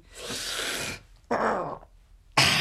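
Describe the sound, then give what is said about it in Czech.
Red deer stags bellowing in rut: a long, rough roar followed by a shorter guttural bellow, then another starting, loud with no talking. “Už troubějí.”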